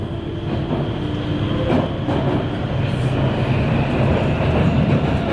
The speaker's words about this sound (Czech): Jet metrem z centra Prahy na Jižák je jako přeskočit z jednoho filmu do druhého. V devadesátkách jsem většinou nastupoval buď na Muzeu, nebo na Pavláku a po chvíli jízdy cítil, jak souprava metra projíždí Nuselákem